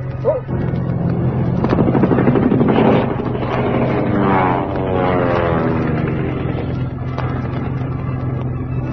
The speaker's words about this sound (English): behind us, a plane. They're shooting at us.